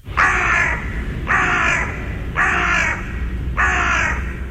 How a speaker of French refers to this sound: Je crois que c'est un corbeau. Oui! Excellent! OK, quel genre de corbeau?